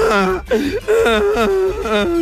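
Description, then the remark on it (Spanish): A boy wails in loud, sustained sobbing cries as he arrives home, several drawn-out howls broken by brief catches of breath, continuous. “Ya llega el niño llorando a la casa.”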